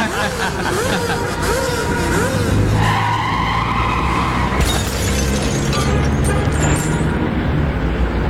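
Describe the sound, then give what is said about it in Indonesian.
A motorcycle engine revs up and down in quick surges, then tires skid loudly with a harsh screech, continuous over the whole stretch. “masa begini aja cara kamu bawa motor, Gi? Kamu nanya, mau aku gas nih, gas, gas, gas, gas”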